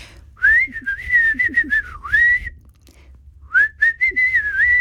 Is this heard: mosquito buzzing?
no